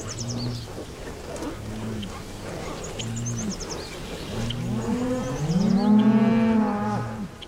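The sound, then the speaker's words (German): Several cows moo repeatedly on a pasture in Germany, low drawn-out calls overlapping one another, with one loud moo rising near the end over a soft outdoor background. “ich würde Sie gerne heute auf deutsche Kuhwiesen mitnehmen.”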